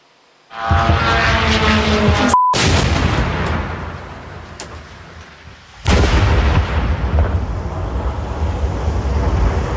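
Loud explosions from a ballistic and cruise missile attack on Kyiv shortly after 1 a.m. boom out, each followed by a long rumbling roar; a sharp blast cuts in early, and a second heavy detonation hits about halfway through. No voices.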